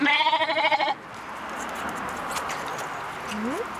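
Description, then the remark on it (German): A young orphaned lamb, one of two sibling lambs from a dairy sheep farm, lets out one loud, quavering bleat, then it falls quiet to a steady outdoor hiss, with a faint, brief rising call near the end. “Also die zwei sind Geschwister, die waren auch im Milchviehbetrieb von Schafe.”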